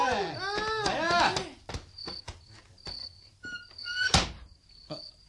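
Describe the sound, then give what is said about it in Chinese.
A person speaks briefly, then several sharp knocks on a door at night follow at uneven intervals, with one louder, heavier knock toward the end. “老板，今夜嚟敲门，冇嘈住你头啊嘛？”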